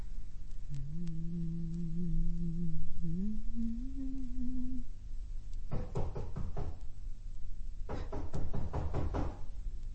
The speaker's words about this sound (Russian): Стучит кто-то! Откройте!